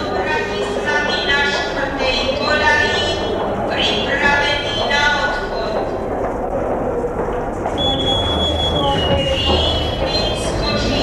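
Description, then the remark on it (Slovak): A train begins rolling out of a station: a steady rumble with high metallic squealing tones sliding in and out, and a murmur of voices underneath. “Vlak sa už pohodne vidíš.”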